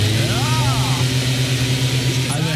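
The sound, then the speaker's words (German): A leaf blower runs steadily in autumn with a loud, droning engine hum and a buzzy harmonic whine whose pitch briefly swoops up and down a couple of times. “War der Laubbläser, habt ihr gleich erkannt.”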